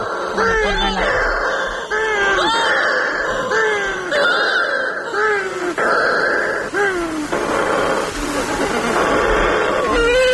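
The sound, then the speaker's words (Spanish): A shearwater colony calling at night in total darkness after the moon sets, as the shearwaters come in to their nests: many overlapping wailing, moan-like cries that rise and fall in pitch, repeating loudly and without pause, almost like crying babies or cats. “Cuando se pone la luna, en la oscuridad total, cuando no hay luz, para que las gaviotas no encuentren los nidos, es cuando entran las pardelas.”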